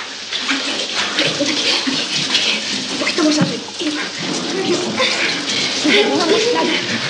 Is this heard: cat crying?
no